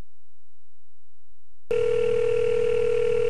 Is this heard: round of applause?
no